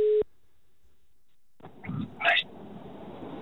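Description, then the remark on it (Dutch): A single steady telephone ringing tone sounds loudly for a fraction of a second as a call is placed, then stops. After a pause, the line picks up with some soft handling noise and a short burst of sound. “Laten we eens heel even kijken of we deze specifieke man aan de telefoon kunnen krijgen.”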